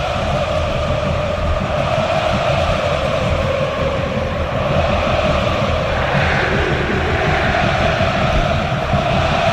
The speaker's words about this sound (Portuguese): O torcedor do Vitória canta, o torcedor do Fortaleza também. Torcida do Fortaleza também está presente, pois não?